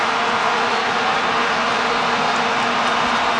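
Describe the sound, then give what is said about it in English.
A dense, unbroken drone of many vuvuzela plastic horns blaring at once, a loud buzzing wall of sound like a swarm of bees that holds steady without pauses for a few seconds. “They're the long plastic horns. Yeah. Because they're excessively loud.”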